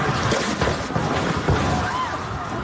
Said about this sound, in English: Absolute chaos in Venezuela last night. That's the sound of people outside while the second of two earthquakes measuring above magnitude 7.0 slammed the country. The capital city of Caracas was hit hard.